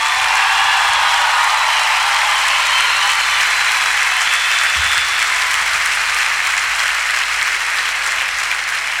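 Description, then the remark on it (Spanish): Loud, sustained audience applause fills the whole stretch, a dense wash of many hands clapping at once with steady intensity and no voices standing out. “el aplauso”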